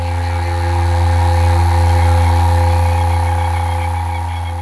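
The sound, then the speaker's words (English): A toad's mating call: a steady, low buzzing trill that drones on unbroken at one pitch for the whole few seconds, fairly loud, with no voices over it. “You can hear now a noise probably in the background, which is a toad, which is probably mating.”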